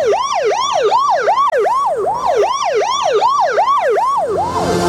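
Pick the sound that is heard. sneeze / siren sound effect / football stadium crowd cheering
siren sound effect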